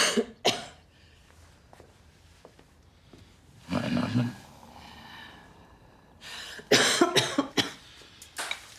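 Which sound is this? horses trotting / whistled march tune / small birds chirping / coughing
coughing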